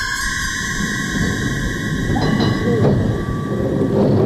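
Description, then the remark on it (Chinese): An old-fashioned tram rolls slowly along a street with only a few passengers aboard, a steady low rumble of wheels on rails with faint high metallic squeals rising midway, continuous throughout. “老式的有轨电车在街道上慢慢地开着，车厢里只有很少的几个乘客。”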